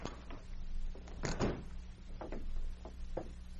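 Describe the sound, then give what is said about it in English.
Several muffled thuds of people knocking on a wooden hotel room door at the Victoria Hotel, spaced unevenly, with one heavier rattling bang in the middle and a low steady hum underneath; no one speaks. “A few minutes later, they knocked on his door.”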